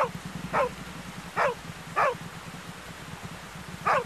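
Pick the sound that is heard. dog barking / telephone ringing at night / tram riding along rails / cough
dog barking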